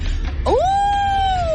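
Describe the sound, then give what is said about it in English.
A person imitates a wolf howl with a single loud vocal cry that swoops upward, then holds a long, steady wavering note. A faint background rumble sits underneath. “A wolf. Oh, a wolf.”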